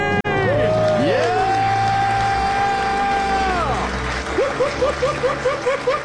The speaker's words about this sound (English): The crowd goes wild.